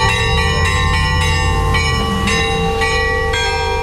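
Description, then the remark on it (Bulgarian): Church bells of the newly built church of Saint Petka in the village of Glavatsi, Krivodol area near Vratsa, ring out festively in a rapid, overlapping peal, loud, with repeated bright metallic strikes and a sustained ringing hum throughout, no voices present. “80 години по-късно празничен камбанен звън отново огласи Главаци.”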